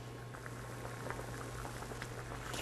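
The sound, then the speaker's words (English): Water boiling in a pot as spinach is blanched in it for about 15 to 20 seconds, with a steady low bubbling rumble and scattered soft pops and crackles, moderately quiet, with no voices. “Put all of the spinach in, and we're going to blanch it for about 15 to 20 seconds.”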